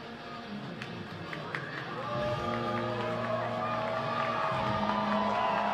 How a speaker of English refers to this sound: Scoreboard says make some noise. The crowd responds momentarily.